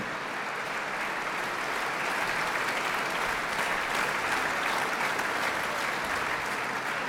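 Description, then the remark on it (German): Sustained audience applause, a dense steady wash of many hands clapping at a constant loud level for several seconds, with no voices standing out. “Auch wenn das Publikum sie nie zu sehen und zu hören bekommt, ohne sie geht es nicht, stellen wir uns also vor, dass ein bisschen von diesem Beifall auch dem gesamten Hörfunkteam gebührt.”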